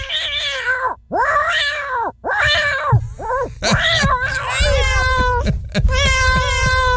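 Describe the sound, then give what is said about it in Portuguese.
A cat meows loudly and insistently, starting with three long, wavering cries, then a rapid, overlapping run of shorter, higher calls over a low background rumble. “Manda um alô pra nós aí. Tá mandando. E o gato?”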